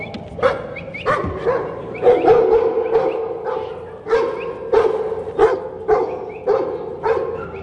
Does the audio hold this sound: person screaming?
no